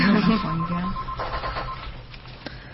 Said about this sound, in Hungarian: Ó, egy telefon.